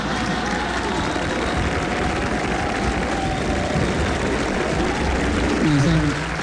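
An audience claps steadily for several seconds, a dense, even wash of applause that stays loud throughout, with a brief voice surfacing through it near the end.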